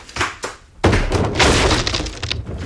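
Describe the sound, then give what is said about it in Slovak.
Two dull thumps as someone kicks at a door, then a loud splintering crash as it gives way, followed by a couple of seconds of rattling, clattering debris. “Mám vyvaliť dvere?”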